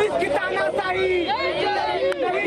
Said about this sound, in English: Even though it is pouring over here in the national capital, but still there is a crowd of at least 25 to 30 people who has gathered over here.